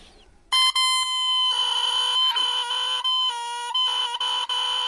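A bare oboe reed, hand-carved by oboists from very thin cane, blown on its own gives a loud, buzzing, rooster-like squawk, a sustained nasal tone that wavers and breaks briefly several times over a few seconds.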